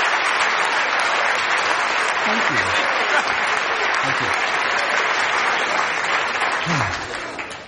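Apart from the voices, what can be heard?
audience applause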